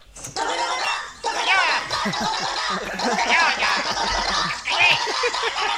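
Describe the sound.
A room full of children, the host's kids, heard as the bedroom door is opened: shouting and shrieking over one another in a loud, continuous high-pitched din of overlapping voices with bursts of laughter, starting abruptly and never letting up.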